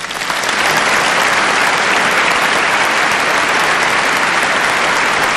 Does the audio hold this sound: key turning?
no